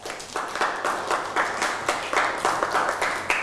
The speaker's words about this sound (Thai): เอาปรบมือให้กับเพื่อน